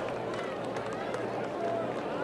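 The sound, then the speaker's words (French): A baseball crowd at a Goldeyes game lets out a swell of oohs and aahs, a dense murmur of many voices that rises slightly near the end, through steady stadium noise, reacting to a pitch that nearly hit the batter, Ditter, with the bases loaded and two out. “Et vous avez entendu les « ou » et les « a » de la foule.”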